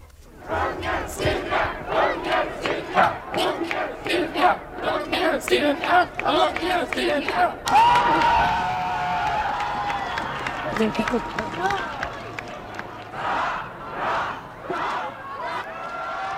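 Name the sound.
crowd cheering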